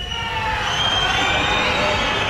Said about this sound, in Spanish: Los gritos y abucheos contra la presidenta del Gobierno de Navarra, que han participado en el desfile de la Guardia Civil este mediodía en Pamplona